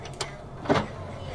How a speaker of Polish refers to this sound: I na przykład teraz mogę otworzyć szufladkę CD.